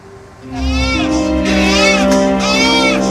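A newborn baby cries loudly, a continuous high wailing that rises and falls in long arching bursts over a low steady background hum, at night in an emergency tent at the Puskesmas Maupongo health centre in Flores, Indonesia.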